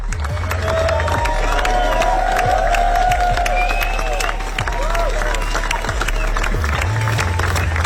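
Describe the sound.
A large crowd applauds steadily and loudly for the whole stretch, dense clapping mixed with scattered cheers, whistles and murmuring voices, over a low rumbling hum.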